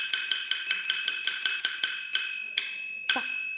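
A small brass bowl, the core percussion instrument of Chinese Wanwanqiang opera, struck in a quick, steady run of bright, ringing taps, then three slower, heavier strikes left to shimmer and fade. Clear, with no talking.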